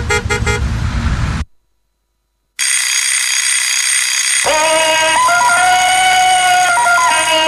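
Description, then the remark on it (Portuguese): An alarm clock rings loudly: a short burst of bright ringing, a brief silence, then a long, insistent stretch of ringing with warbling high tones. No one speaks. “Mas já são horas de acordar? Toca a levantar.”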